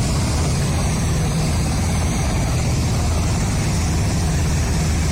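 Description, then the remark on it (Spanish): A helicopter engine roars steadily and loudly, with a low, rapid rotor chop running underneath for the whole stretch, as the Colombian army and police rescue eight people and load them onto helicopters. No voices are heard. “Del gaula de la policía y los estaban montando de una vez a los helicópteros delgados, ojerosos.”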